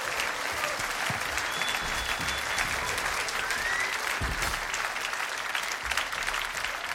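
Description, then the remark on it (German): Sustained applause from a jazz concert audience for a singer and her band, recorded live at the Schaffhauser Jazz Festival in Schaffhausen last May. Many hands clap in a dense, steady clatter at an even loudness throughout, with a few faint whistles rising above it. “Sie sind bei Jazz im Konzert und das ist der Applaus für die Sängerin”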